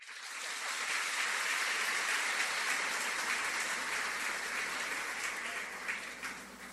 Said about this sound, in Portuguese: A todos os organizadores, a nossa gratidão, o nosso reconhecimento e as nossas palmas.